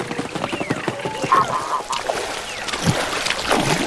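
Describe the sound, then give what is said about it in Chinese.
Mute swans at Wuliangsuhai Lake call with short honking notes over a steady rush of splashing water and flapping wings as they run nearly 50 metres across the surface to take off, fairly loud throughout. “而游鼻天鹅则需要近50米的助跑，获得足够的升力才能顺利起飞。”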